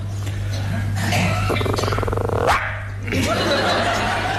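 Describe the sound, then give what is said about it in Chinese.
A man's voice mimics a small dog yapping as a vocal warm-up, with several quick, strained high-pitched yelps and a rising squeal, loud, over a steady low hum. “你这小狗叫唤干嘛呀？”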